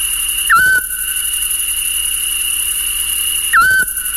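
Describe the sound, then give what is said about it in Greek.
Two short, mellow whistled hoots from a Eurasian scops owl, evenly spaced about three seconds apart, over a steady high-pitched insect drone with no voices. “μπορούμε να ακούσουμε το τραγούδι του Γκιόνι και μέσα στο Γενάρη”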